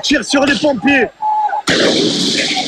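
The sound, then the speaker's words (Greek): Shouting voices give way to a brief whistling whine, then a sudden loud burst of fireworks and flares fired by rioters at police during Paris Saint-Germain Champions League victory celebrations, followed by a sustained, harsh crackling roar. “Εκτοξεύουν εναντίον τους σε ευθεία βολή φωτοβολίδες και πυροτεχνήματα.”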